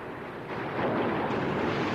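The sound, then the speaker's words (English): A dense, roaring rush of churning, foaming water blasting across a ship surges louder after a moment and keeps pounding steadily, powerful, with wind-like noise mixed in and no voices. “More torrential blasts of foaming water tear across the ship.”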